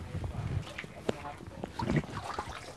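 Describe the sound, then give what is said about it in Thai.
Water splashes and churns as a sport chicken is made to swim, flapping its wings and kicking, with irregular bursts of sloshing and a man talking over the commotion. “นี่ครับคือเป็นการว่ายน้ำนะครับผมไก่ก็จะตีปีกตีขาเดี๋ยวคอยให้นิ่งนิดนึงแล้วเราเดินเข้าไปดูกันนะครับผม”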